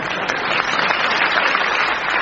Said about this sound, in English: Oh, applause. Do it again.